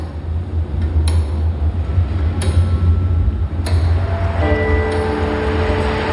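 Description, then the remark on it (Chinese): The gear mechanism of the Guangdong Customs House (Yue Haiguan) clock tower by the Pearl River ticks slowly and evenly as it is checked, with four sharp clicks over a steady low mechanical hum. A sustained tonal ringing joins in toward the end. “缓步登上粤海关的钟楼，检查齿轮机械的运转情况。”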